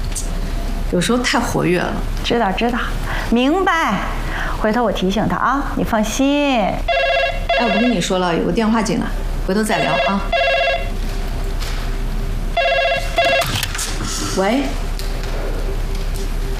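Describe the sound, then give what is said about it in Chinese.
A telephone rings with an incoming call at a small police station, in two bursts of steady, high, buzzy tones, the first lasting a few seconds and the second shorter, while people keep talking over it. “哎，我不跟你说了，有个电话进来，回头再聊啊。”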